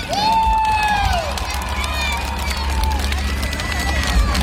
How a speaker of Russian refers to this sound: А давайте сейчас будут аплодировать те, кому вообще нравится в Абхазии.